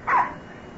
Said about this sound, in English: What's this? She's a nice dog. Yes, when she wants to be.